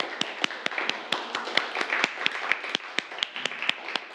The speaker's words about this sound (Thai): ก็ปรบมือให้กับตัวเองทุกกลุ่มเลยครับนักเรียน